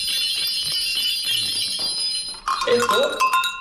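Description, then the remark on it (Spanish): Sheep bells (esquilas), once used like small hand bells, are shaken in a steady metallic jangle, with bright, high ringing tones that swell into a louder, clanking burst partway through. “Bueno, cascabeles, veo también latas, esquilas, ¿no? Estas se utilizaban como las campanillas.”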